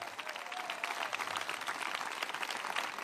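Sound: audience applauding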